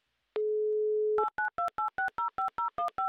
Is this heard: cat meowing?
no